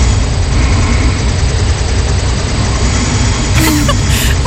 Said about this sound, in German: Ich habe eine neue Smartwatch und in Nacht 1 habe ich angeblich 11 Minuten geschnarcht und das wollte ich mir halt einfach mal anhören.